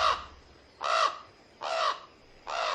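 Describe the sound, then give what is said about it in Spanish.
A crow caws four times in a steady rhythm, each harsh call roughly half a second long with short pauses between, loud, with no voices, as it carries off a letter. “¡Oh! ¡Cuervo! ¡Se llevó nuestra carta!”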